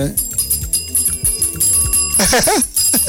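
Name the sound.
hand bell being rung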